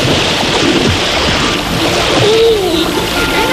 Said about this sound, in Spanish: Si hay algo que apetece cuando aprieta el calor, es encontrar un rincón donde darse un buen chapuzón y olvidarse, aunque sea por unas horas,